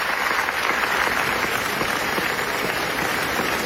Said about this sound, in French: ça a duré 25 minutes, comme ça, d'applaudissements debout. Le festival n'avait jamais vu ça.